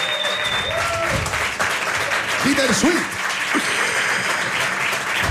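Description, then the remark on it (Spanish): Loud, sustained applause from an audience for a guitarist fills the whole stretch, dense and steady, while a voice talks over it near the start and middle. “Un aplauso fuerte”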